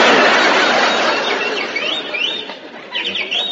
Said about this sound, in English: That bird again. Shut up, you molting pest. I thought I told you to give that canary some Dr. Gruber's bird seed.